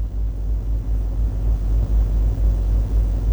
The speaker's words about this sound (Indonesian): Untuk yang pertama, kita akan memantau situasi arus lalu lintas di Kota Banjarmasin, yaitu di Jalan Gatot Subroto Dalam.